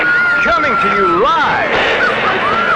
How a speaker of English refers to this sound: There was a radio on. All you could hear was screaming.